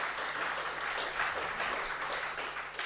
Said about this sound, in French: Tout cela grâce, évidemment, en amont à l'association Pollux, qu'on applaudit bien fort aussi.